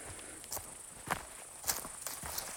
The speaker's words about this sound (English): I'm getting near the summit now and started to hear this swell of, I don't know if they're grasshoppers or another kind of insect that makes that kind of low humming chorus that you hear throughout the summer.